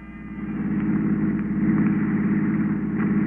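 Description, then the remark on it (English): The engine of a hired touring car runs steadily, a low rumbling idle with a faint rhythmic pulse that swells slightly in loudness, with no voices present. “The next morning, I packed my bags and hired a touring car.”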